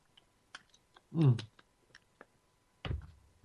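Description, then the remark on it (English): A slurp from a drink, a short noisy burst followed by a second gulping sip, surrounded by faint lip clicks and small mouth sounds, with no talking. “Oh, I got to get a slurp here, folks.”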